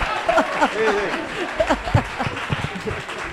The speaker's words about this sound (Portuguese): vamos a darlle un aplauso a Jota